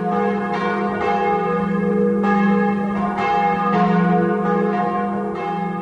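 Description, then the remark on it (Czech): A large cast bell, freshly cast in a bell foundry workshop and cleaned of deposits, is rung by a bellfounder to test its voice; its deep, rich tone swells and sustains with several strikes blending into a continuous, resonant hum, loud with no voices. “Každý zvonař určitě utíká ke zvonu a první, co udělá, tak po odstranění těch nánosů, které na něm byly, tak na něj zazvoní, zjistí, jaký má hlas a jestli může mu dát vlastně ten rodný list, aby opustil zvonařskou dílnu a odešel k objednavateli.”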